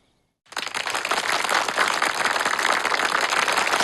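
After a brief silence, a crowd of army officers at a banquet in Xiangshan breaks into loud, dense applause that holds steady and unbroken until the end, with no voices heard over the clapping.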